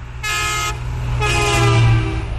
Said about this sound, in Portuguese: E vários ouvintes já pediram aqui o buzinaço do caminhão. Acordem! E tem mais um.